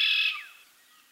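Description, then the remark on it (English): A single red-winged blackbird call, a bright, buzzy burst with a quick downward slur, heard clearly and alone before it fades into quiet background hiss. “You're listening to the sounds of the red-winged blackbird on 99.1 WQRT-LP Indianapolis.”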